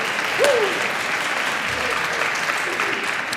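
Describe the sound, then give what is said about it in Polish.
Steady applause from an audience for a composer, a dense wash of clapping at moderate loudness, with a brief whistle or cheer near the start. “O, widzisz to? Brawa dla kolegi.”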